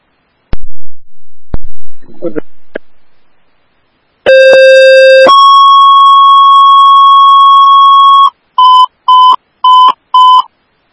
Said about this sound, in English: Grove Station 1AF, these are your tones for the unconscious party at 701 Broadway Avenue, time is 1742.